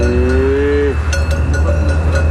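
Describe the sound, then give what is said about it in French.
A Hérens cow, a medium-sized, robust, muscular breed with a black coat, gives one short moo lasting under a second over a steady low rumble, followed by a few faint clicks and knocks. “Ils y élèvent des vaches de race Hérins, des animaux de taille moyenne, robustes et musclés, reconnaissables à leur robe noire”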